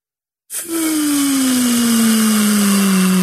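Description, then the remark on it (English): Air rushes out of a balloon with a loud, steady hiss and a low droning whine that slowly sinks in pitch, starting abruptly after a brief silence and continuing without a break. “You hear that, guys? That is the air being let out of the balloon.”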